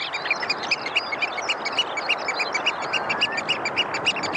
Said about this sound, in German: Ich glaube, das habe ich ja noch nie gehört. Das finde ich aber auch sehr schwierig. Also, ich guck mal, was da steht. Austernfischer. Ich hätte es auch nicht gewusst, aber der Vogel sieht toll aus, der Austernfischer, mit diesem roten Schnabel.